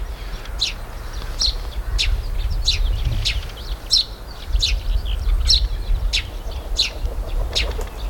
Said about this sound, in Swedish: Hör man vingljuden från en duva som landar, en ringduva. Och så är det pilfink som kilpar.